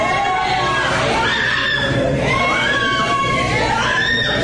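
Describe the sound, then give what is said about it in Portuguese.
A church audience shouts all at once, crying 'queima ele' ('burn him'), many loud overlapping voices rising and falling in a continuous, fervent roar. “Grita, queima ele, igreja.”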